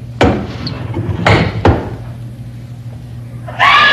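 Three heavy wooden thumps, like banging or a door slamming, are followed by a sudden loud, high-pitched scream from a woman that bursts in at the very end.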